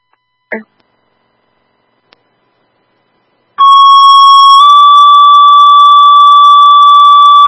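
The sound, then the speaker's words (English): Fire dispatch paging tones, sent again to stand fire crews down from a fire alarm call: a loud, steady electronic tone starts after a short click and a few seconds of silence, then shifts to a second sustained pitch that holds to the end. “You want to retone that out, please?”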